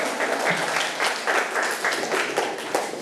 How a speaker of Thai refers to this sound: เก่งมากเลยนะครับปรบมือให้เพื่อนหน่อยครับ